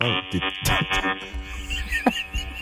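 A dildo vibrator running in a bedroom buzzes steadily with a rich, raspy hum, its pitch wavering and pulsing in short surges, like a swarm of wasps, holding fairly loud throughout.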